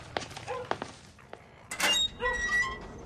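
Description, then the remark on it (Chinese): Several heavy, irregular thuds of someone pounding on a door late at night, followed by a raised voice calling out over a low background hum. “谁呀？大晚上的砸门。”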